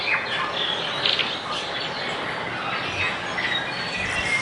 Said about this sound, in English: We'd find the climate colder if we went back there in the time machine, but along with our teeth chattering would be all the birds doing the same, so many birds.